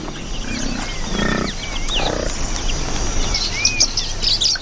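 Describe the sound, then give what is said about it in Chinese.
Lilian's lovebirds (Nyasa lovebirds), small parrots, chirp and twitter in quick, scattered bursts while searching sticky mud for trapped plant seeds, over a busy outdoor background, with deeper animal grunts and rumbles low underneath early on. “尼亚萨湖牡丹鹦鹉在粘稠的泥土里寻找被粘住的植物种子”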